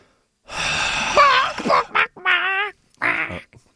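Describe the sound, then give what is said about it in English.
Someone imitates a chicken with one long, strained, nasal squawk followed by three shorter squawking bursts, fairly loud. “Are you trying to make a chicken noise right now?”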